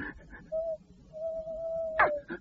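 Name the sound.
owl hooting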